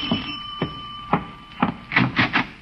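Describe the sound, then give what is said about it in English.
A doorbell rings with a steady, sustained high-pitched tone, while a series of dull thumps and knocks sound irregularly underneath, bunching together toward the end. “I've been ringing for the longest time”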